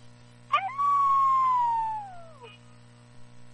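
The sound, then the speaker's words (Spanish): A single drawn-out coyote howl that starts with a sharp yip, then glides slowly downward in pitch for about two seconds, heard over a low, steady electrical hum. “Hasta un de este, un coyote nos llama.”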